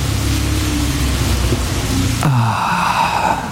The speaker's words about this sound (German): Regen. Endlich wieder Regen. Das riecht auch immer so gut. Nach Erde irgendwie, aber auch irgendwie frisch.